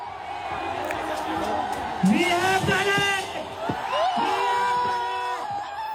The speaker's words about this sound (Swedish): Ja, men det vi har här är segerjubel från Jantar Mattar och Akalakspartiets … som skriker ut vi har gjort det när han berättar för de tusentals som samlats i hettan